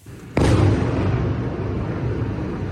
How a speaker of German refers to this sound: Drohnen, Raketen, dazu Angriffe der russischen Luftwaffe. Niemand gewöhnt sich an die Explosionen, an die Zerstörungen, die sie hinterlassen, auch wenn es inzwischen 4,5 Jahre her ist, dass Russland die Ukraine überfallen hat.